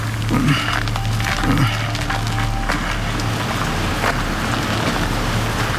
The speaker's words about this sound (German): Und? Alles ruhig. Nur der Wind bringt die Blätter zum Rauschen. Dachte ich es mir doch. Was für ein stolzer Baum. Gute 200 Jahre soll er schon hier stehen.